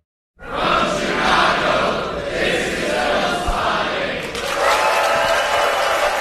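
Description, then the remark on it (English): A packed crowd at the Music Box Theater in Chicago cheers and applauds continuously at the closing of Film Spotting Fest, a screening of Wes Anderson's The Royal Tenenbaums for its 25th anniversary; a dense wash of clapping and excited shouts stays loud throughout, swelling briefly toward the end. “That was the packed crowd just this past Sunday at the Music Box Theater in Chicago, there to close out Film Spotting Fest.”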